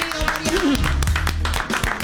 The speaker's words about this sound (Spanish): fuerte el aplauso para Mariano Pelufo.